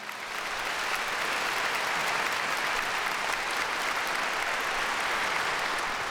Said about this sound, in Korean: 여러분께 다시 한번 큰 박수 부탁드립니다.